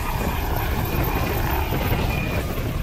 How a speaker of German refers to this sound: Am Flughafen Dortmund ist ein Intensivtransporthubschrauber der Luftrettung stationiert. Der Hubschrauber ist bekannt als Christoph Dortmund und deckt einen Umkreis von etwa 60 Kilometern ab